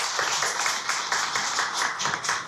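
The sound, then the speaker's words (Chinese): A concert audience applauds steadily to welcome the event's organizer onto the stage, many hands clapping at once in a dense, continuous wash of bright claps with a slight pulsing rhythm, fairly loud throughout and with no voices. “现在呢，让我们用最热烈的掌声有请这株从空谷中走来的幽兰，有请素雅。”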